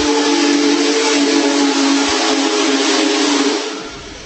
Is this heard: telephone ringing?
no